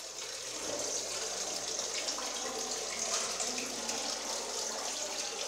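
Holy spring water pours steadily from a tap at a monastery in a continuous, even hiss and splash, fairly loud, with no voices and no breaks throughout.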